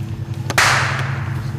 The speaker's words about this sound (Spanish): De la nada se escuchó un disparo y los jóvenes identificaron que se trataba de un rifle calibre 22.